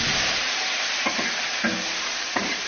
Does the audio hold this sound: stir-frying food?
yes